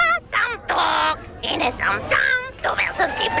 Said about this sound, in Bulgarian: На място ще срещнеш истински папагали. Можеш да се снимаш с тях, да ги погалиш и да се забавляваш с цялото семейство.